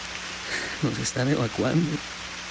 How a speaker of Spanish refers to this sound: Lo peor es que después de haber perdido todo en la avalancha de anteayer, aún sigue lloviendo sin parar.